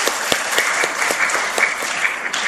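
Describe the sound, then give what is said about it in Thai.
Steady applause from an audience for the sisters of a monastery marking its 40th anniversary, a dense patter of many hands clapping at an even level for a couple of seconds, with scattered sharper claps standing out and no voices heard. “อารามแห่งนี้ฉลอง40ปีเนาะเท่าที่พ่อฟังครบรอบ40ปีแล้วพี่น้องปรบมือให้ซิสเตอร์ข้างในด้วย”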